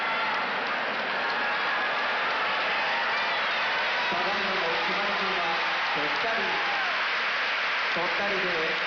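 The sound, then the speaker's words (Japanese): Loud, sustained cheering fills the Kokugikan sumo arena after Ura's win over Ōhō, a dense crowd roar that holds steady the whole time, with a man's voice talking over it in the second half. “大歓声の国技館です。”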